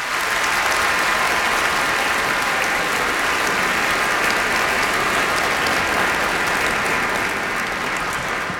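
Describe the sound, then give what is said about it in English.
A large concert audience claps steadily in a dense, sustained wash of applause, welcoming the Hamlish Page Student Choir to the stage, loud and even from start to finish with no speech over it. “Let's give them a big welcome round of applause.”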